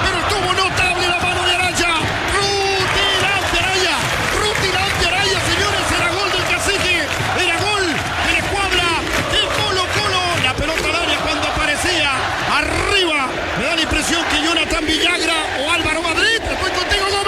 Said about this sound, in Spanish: El estadio ya había gritado el gol y la pelota de manera mágica sale de la portería